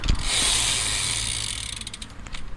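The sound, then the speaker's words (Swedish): A Specialized Tarmac road bike, said to weigh about 20 kilos and just taken out of a storeroom; its freewheel ratchet buzzes in a fast, steady stream of tiny metallic clicks, hissy and bright, easing slightly and turning more distinctly ticking toward the end. No voices. “Så där kan den låta. Vi har alltså en cykel här nu som du nyss tog ut där ur förrådet.”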